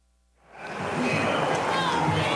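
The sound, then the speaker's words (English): A large baseball stadium crowd buzzes and murmurs over a diving play at third base by Royals third baseman Josh Rojas, rising after a brief silence into a steady, dense wash of many voices with no single words standing out. “Crowd still buzzing over that play at third base by Royals third baseman Josh Rojas.”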